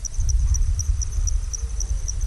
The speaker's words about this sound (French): Illustration sonore pendant la saison humide, voici un enregistrement le jour avec des oiseaux. Et maintenant la nuit, on entend surtout des insectes.